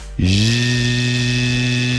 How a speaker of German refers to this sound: So, das war jetzt ein sehr lauter Ventilator, der nicht besonders gut kühlt.